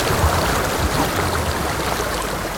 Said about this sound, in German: Wenn man in den Bergen ist, das Rauschen von Wasser, ich finde, es ist ein anderes als Meerrauschen.